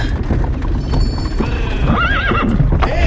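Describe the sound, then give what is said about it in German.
Horses whinny loudly over a dense clatter of hooves, the neighs rising and wavering near the end, busy with a low rumbling underneath, on a foggy day. “Lass mir meine Pferde in Ruhe!”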